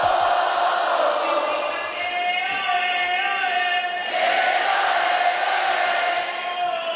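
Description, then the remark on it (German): A large concert audience shouts along with the MC in a loud, sustained mass shout that holds steady for several seconds, dips briefly, then surges back up, filling the space without pause. “Die machen ja alles, was er will.”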